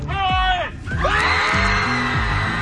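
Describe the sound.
Several people at a yell club gathering in Dallas yell together at full volume, overlapping voices forming a loud, sustained wall of shouting and whooping that rises and stretches for a few seconds.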